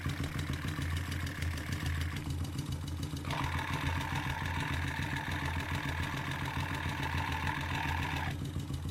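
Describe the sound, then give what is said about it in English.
A motorcycle engine idles steadily, heard at the transmission. A mechanical whirring of spinning gears is layered over the low rumble, with a higher whine that cuts in and out. “Now we're at the transmission.”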